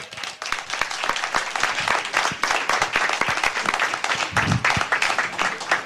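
An audience applauds for Jesus of Nazareth as a recording begins, steadily for about six seconds, a dense, even wash of many hands clapping at full strength, with a faint voice or two mixed in.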